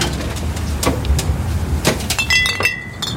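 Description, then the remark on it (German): Three glass soda pop bottles from the refrigerator, including Orange Crush and strawberry, are set down one after another with sharp clinks and bright ringing tones, over a low steady background hum. “Hier sind eure 3 Flaschen.”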